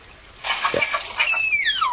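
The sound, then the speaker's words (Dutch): A tapir gives a shrill, high whistling call that slides downward in pitch, preceded by a burst of splashy, rustling noise. The call is fairly loud, with no talking. “We hebben ook een geluid van die tapir.”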